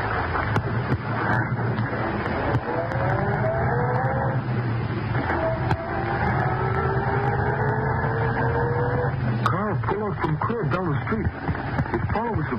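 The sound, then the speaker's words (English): A car engine hums steadily, its pitch climbing as the car pulls away from the curb outside an apartment building and accelerates toward the shore road, the loud motor drone continuing throughout with a rougher, wavering tone near the end. “It was about 11 o'clock when Britt and Cato walked out the front entrance of the apartment building and entered Britt's car at the curb.”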